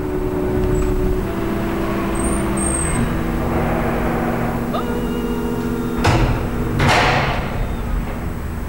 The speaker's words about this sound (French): Voilà. Et nous poussons la porte.